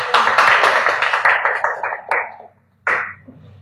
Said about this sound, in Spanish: Los aplausos, por favor.